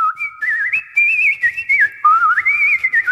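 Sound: nightingale singing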